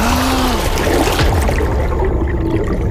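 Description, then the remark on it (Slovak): Water splashes and sloshes steadily, a loud, continuous churning wash with no voices over it, throughout the few seconds. “Nebuď v tej vode tak dlho!”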